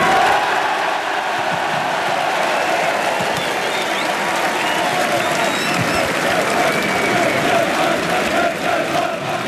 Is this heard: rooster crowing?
no